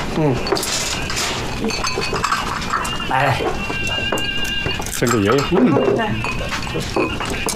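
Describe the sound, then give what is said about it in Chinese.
Bowls and chopsticks clink and knock together, a scatter of bright ringing taps as bowls and chopsticks are handed out and dishes set on the table for a family meal, while people talk over them. “碗筷分一下， 来。”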